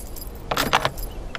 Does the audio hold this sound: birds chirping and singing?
no